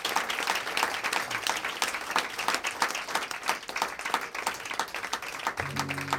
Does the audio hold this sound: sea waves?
no